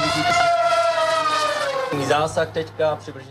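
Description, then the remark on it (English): Military drones demonstrated at Drone Shield 2026, an international Czech military exercise, fly with a loud, steady high-pitched buzzing whine that slowly dips in pitch, then wavers and pulses up and down as they maneuver. “The sound of drones demonstrated at Drone Shield 2026 on Tuesday, a day that the military event was open to the media.”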